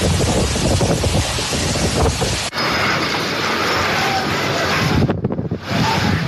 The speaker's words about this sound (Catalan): On ja ha començat a caure fortes tempestes és el País Valencià després d'una nit amb temperatures altíssimes. La pluja va acompanyada de ratxes de vent de fins a 149 km per hora al municipi de Sumacàrcer i a la comarca de la Ribera Alta.